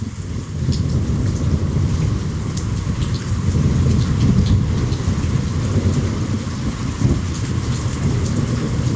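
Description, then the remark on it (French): Steady, dense rain pours down throughout, with a deep rumble of thunder rolling low beneath it, the storm continuous with no voices: the first rain of the year and a thunderstorm at Ouidou, recorded on 20 July 2023. “On peut écouter le son de la première pluie de l'année et de l'orage à Ouidou.”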